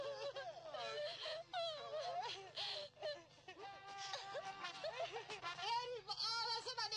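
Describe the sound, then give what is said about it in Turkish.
A person cries and sobs, with wavering, wailing vocal tones and shaky breaths that continue for several seconds, rising and falling unevenly. “Yavrucuğum ağlama yavrucuğum. Ağlama ağlama.”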